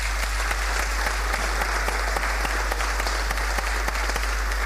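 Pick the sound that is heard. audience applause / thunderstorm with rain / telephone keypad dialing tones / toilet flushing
audience applause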